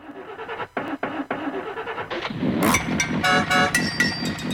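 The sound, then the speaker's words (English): An old car engine cranks in a rapid, uneven chugging rhythm, then sputters louder and rougher as it struggles to catch, with harsh metallic rattling near the end. “Sounds like me in the morning trying to get the old jalopy going.”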